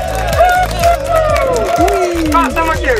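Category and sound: crowd, cheering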